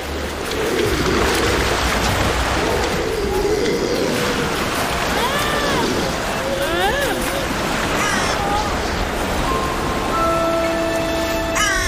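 Harsh crow caws ring out a few times at a grey seal colony where a mother has a newborn pup, over a steady roar of surf and rushing water, with the calls rising and falling in pitch at irregular moments.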